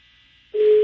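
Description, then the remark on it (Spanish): A steady electronic telephone ringback tone starts abruptly after a faint hiss and holds loud and even at one pitch, a phone line ringing on an outgoing prank call to Don Tavo's food business, Las comidas de Don Tavo. “Bueno, está sonando el teléfono de Don Tavo.”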